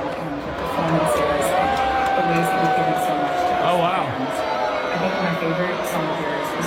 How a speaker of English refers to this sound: it sounded like it was met with more boos than cheers.